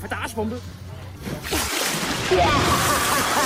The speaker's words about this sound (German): Na klar, Sommerzeit ist Arschbombenzeit und da muss es natürlich spritzen, bis die Schwarte kracht.